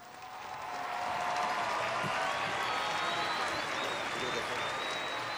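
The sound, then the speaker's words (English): A huge crowd in Madrid cheers and applauds Pope Leo in a dense, steady roar that swells up within the first second and holds, with high whistles and voices rising above the sea of clapping. “Pope Leo is in Madrid, where he was welcomed by huge crowds on the first day of a week-long visit to Spain.”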